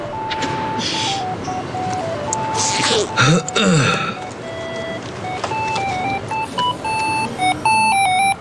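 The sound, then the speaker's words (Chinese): An electronic alarm clock rings with a steady run of bright, stepping beeps in a repeating melody, loud, over a busy background of noise and a brief whooshing sweep. The alarm is set as a reminder to take medicine. “这药还得上闹钟吃啊。”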